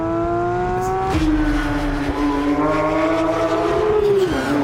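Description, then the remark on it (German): A Porsche sports car's combustion engine, started by its owner, idles loudly, then revs with a sharp rise in pitch about a second in, holding a throaty, rumbling drone that dips and climbs again near the end. “Mein Freund, der einen Porsche hat, gebeten, den nur für mich anzumachen, weil ich finde, das so wahnsinnig gut klingt.”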